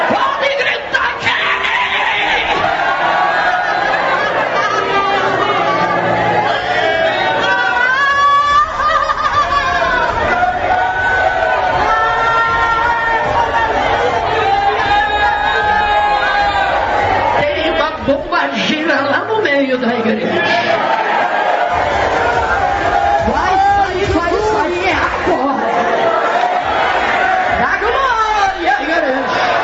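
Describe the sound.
A church audience, urged to shout and 'burn' a macumba work, shouts and yells continuously, many overlapping voices rising into loud cries and cheers, with a dense, steady roar of chatter throughout the half minute.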